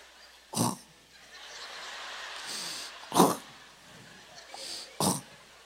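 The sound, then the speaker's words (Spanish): A voice mimics a sleeping woman's loud snoring with three harsh, rasping snorts spaced a couple of seconds apart, each one short, with soft breathy noise in between. “Luego roncó, pero un ronquido, yo creo que de acuerdo a su textura y tamaño, un ronquido.”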